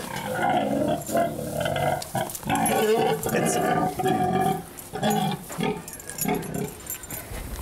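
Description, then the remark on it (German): A heavily pregnant sow named Frieda grunts repeatedly in low, throaty bursts, loud and continuous, with short breaks between her snorting grunts and a few higher squeaky rasps. “Also Frieda ist auch hochtragend oder sollte es zumindest sein.”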